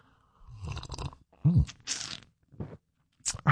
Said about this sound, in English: Grab a little coffee, a little juice, a little OJ, whatever you need to get your day off to a good start. It's the morning slurp.